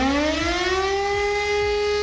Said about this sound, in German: Habt ihr schon bei uns gehört, heute ist wieder bundesweiter Warntag. Dann heulen nicht nur die Sirenen, auch unsere Smartphones bimmeln wie wild.